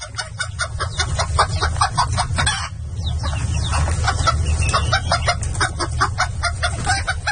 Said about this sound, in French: Ouais, elles sont contentes, les poules, en ce moment.